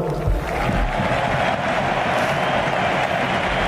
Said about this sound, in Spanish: Aplauden Deco y Boyan en el palco del Camp Nou, junto a Alejandro Echevarría. También Joan Laporta.